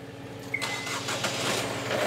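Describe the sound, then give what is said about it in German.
Two new 110 PS boat engines crank and catch in the Hansahafen harbour, a brief whine at the start giving way to a steady, broad mechanical roar that keeps building over a low rumbling idle, with no voices. “Dann die beiden neuen Motoren.”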